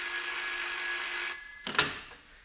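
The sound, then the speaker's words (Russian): An old-style telephone bell rings steadily and loudly in an office reception, then cuts off abruptly, followed by a brief clatter as a secretary lifts the receiver. No one speaks. “Девушка-секретарша, пробегая в очередной раз мимо телефонного столика, машинально схватила какую-то трубку.”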